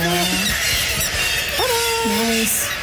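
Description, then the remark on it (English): A kittiwake gives a few harsh, drawn-out squawking cries as it is released from a small release box at a release window, each call rising and bending in pitch over a steady noisy background. “will hold the kitty wake”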